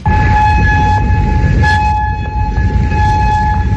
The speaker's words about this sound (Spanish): Y las sirenas en Kuwait este lunes, también en Amán, Jordania, o en Bahrein a lo largo de la jornada, después de que Irán decidiera replicar a esa novena noche de consecutiva de bombardeos selectivos de Estados Unidos contra objetivos iraníes.